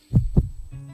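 A heartbeat: two deep, muffled thumps in quick lub-dub succession, followed by a steady low hum that carries on to the end. No voices.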